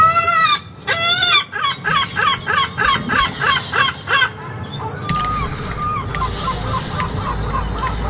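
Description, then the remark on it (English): Seagulls call loudly on the Kent coast, the 'Kent Riviera' in Britain, in the morning: a rapid run of harsh, yelping cries for about four seconds, then fainter calls trailing off over a soft outdoor hum. “Oh, that's what I wake up to most mornings here on the Kent Riviera, the seagull shanty.”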